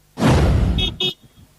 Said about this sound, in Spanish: La bocina indica que saludan a Rigo, bueno, Castaño, chicos, como siempre.